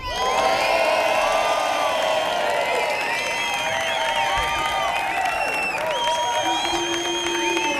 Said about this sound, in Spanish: Bueno, ahora vamos a pedir la votación de la gente. Por favor, gritos